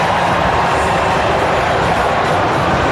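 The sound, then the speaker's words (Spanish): A stadium crowd applauds the players as Dibu, Julián, Enzo Fernández, Tagliafico and Scaloni come down, Dibu and Scaloni most applauded; a loud, dense, unbroken wash of clapping and cheering that holds steady for the whole few seconds, with no clear voices standing out. “Para Scaloni en el termómetro, los dos más aplaudidos por el momento, el Dibu y Scaloni.”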